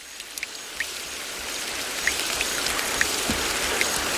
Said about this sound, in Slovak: Z každej strany počuť pokojné kvapkanie vody z veľkých listov a zurčanie pramienka.